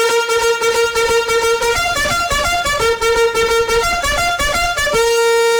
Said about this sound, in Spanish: Para todos ustedes, los trompetazos de esta mañana.